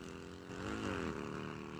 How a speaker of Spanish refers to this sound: Bueno, llega la moto. La moto.